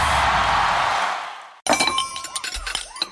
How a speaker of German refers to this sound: Menschenskinder, scheppert doch nicht so mit den Tellern und den Tassen, ihr Lieben. Es klingt hier wie bei einem Polterabend.